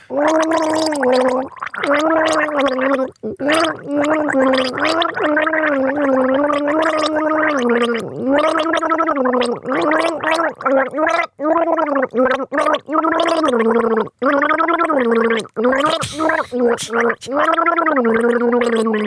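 Someone gargles water to the tune of a song, a bubbling, wavering melody held for long stretches with short breaks between phrases, loud and continuous for about nineteen seconds.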